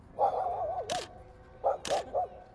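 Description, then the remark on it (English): Dogs having their portraits taken by school students for a grand opening vocalize in short bursts, wavering yelps and whines punctuated by two sharp, loud barks, with faint background noise and no talking. “These dogs are having their portraits taken by school students for the grand opening of their brand new dog”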